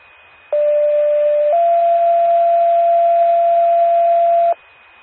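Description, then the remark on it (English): A loud two-tone emergency pager alert from a test of the Macoupin County 911 paging system: a steady mid-pitched tone holds for about a second, then shifts to a slightly higher tone held for three seconds, with no talking over it. “Prairieland Ambulance, this is a test of the Macoupin County 911 paging system.”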